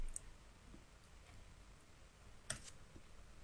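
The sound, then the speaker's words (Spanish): Scattered keystrokes on a computer keyboard as someone tries to type "Amazon", quiet and irregular, with one sharper click standing out among a few soft taps over low background hiss; no one speaks. “Si me aclaro con el teclado que estoy escribiendo todo menos Amazon.”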